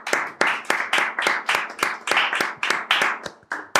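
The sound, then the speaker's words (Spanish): A steady run of hand clapping, roughly a dozen sharp claps at an even, moderate pace, fairly loud, like a short round of applause with no talking. “Lento no, porque lento es irónico, ¿eh?”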